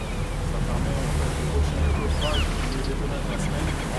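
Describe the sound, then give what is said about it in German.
Steady wind rushes over a continuous wash of sea waves around a famous fort at the mouth of the Charente in Charente-Maritime, a dense, low roar that holds at a constant level throughout, with faint indistinct murmurs mixed into the background. “Wind und Wellen sind nicht das einzige Hindernis, um das berühmte Fort zu restaurieren.”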